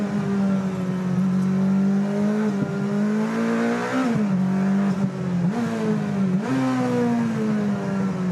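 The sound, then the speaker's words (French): A race car engine drones steadily at high revs, its pitch dipping and rising again several times as it brakes and accelerates through turns, with no one speaking. “La voiture, elle a un train avant exceptionnel. Ça rentre vraiment très très bien dans les virages.”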